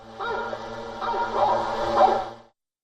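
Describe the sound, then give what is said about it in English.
Hunting dogs bark and bay in a dense, continuous chorus for a couple of seconds, the yelping swelling louder toward the end before cutting off abruptly; the sound is used with drones to drive away bears. “The authorities are also using drones to drive away bears using fireworks, sound of hunting dogs.”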